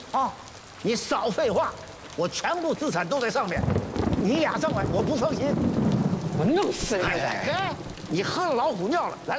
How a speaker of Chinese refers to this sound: 大叔，这有老人，外面下雨了，我们就上去走走雨。雨停了，我们就走啊！